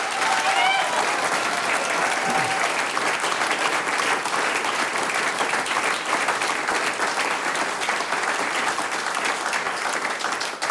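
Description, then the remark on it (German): A large audience claps steadily and loudly for about ten seconds for a musician who has just played two pieces live on radio. It is a dense, even wash of applause with a few faint whistles or cheers near the start. “Noch einmal einen riesen Applaus”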